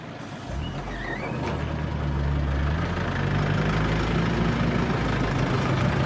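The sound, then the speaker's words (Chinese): A coach bus that has arrived at Longgui Village idles with a steady, deep rumble and constant mechanical hum, loud throughout, with a brief high squeal near the start and no voices. “坐着大巴车抵达了龙贵村。”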